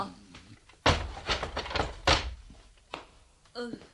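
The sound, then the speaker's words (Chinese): A prison door being opened: a heavy clunk, then a run of rattling, scraping knocks, another solid thump, and a short strained creak at the end. “娘你都唔敢呃我嘅，等我开门啦吓。”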